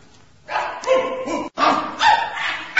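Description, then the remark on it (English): A rapid run of dog barks comes in two dense, loud bursts as forty long-haired sheepdogs number off from the right, barking one after another in quick succession, with no one talking. “40 long-haired sheepdogs. Which one is he on? I'll soon find him in a military way. Dogs from the right number.”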